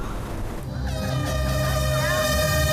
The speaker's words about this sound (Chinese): 随着鸣笛声响起，皮划艇、骑行、徒步三大项目同步开启